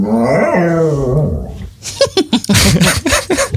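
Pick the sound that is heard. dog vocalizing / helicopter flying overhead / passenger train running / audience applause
dog vocalizing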